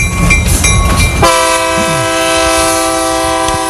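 A train horn sound effect, played to signal a caller on the phone line, blasts loudly and holds steady after a brief rumble of rolling rail cars, its layered sustained tones filling the rest of the short clip with no talking.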